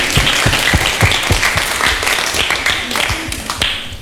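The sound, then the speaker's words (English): An audience breaks into applause for a correct quiz answer, a dense, steady patter of many hands clapping at a fairly loud level for several seconds, with no voices standing out. “Correct, give applause.”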